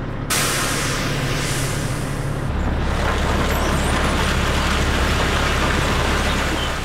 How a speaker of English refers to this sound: Together, we tailed a 20-ton coal truck making the rounds. It's frigid February as we follow it to Upper Fruitland near Farmington, New Mexico.